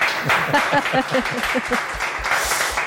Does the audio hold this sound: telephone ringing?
no